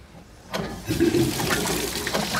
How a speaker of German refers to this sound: Fließend Wasser.